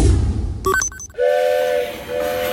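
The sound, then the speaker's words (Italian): Low rumble of a train, a brief clattering burst, then a loud, steady train whistle holding one long tone for over a second, with no voices. “Perdere il treno.”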